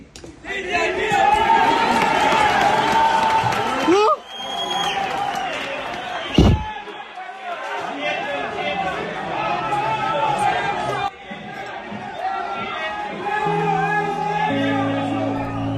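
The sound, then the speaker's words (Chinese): A crowd of rescue workers on the ruins of a completely collapsed building in the town centre of Pereira bursts into cheering and excited shouting after hearing calls for help from deep in the rubble. Many voices overlap loudly, with a sharp thud partway through and continued clamor afterward. “救援现场，一处整体垮塌的废墟上，突然响起一阵欢呼。”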